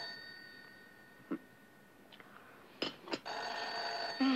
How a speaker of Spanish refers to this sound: ¿El teléfono?